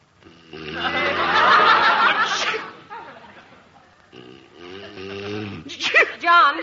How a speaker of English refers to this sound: Gesundheit.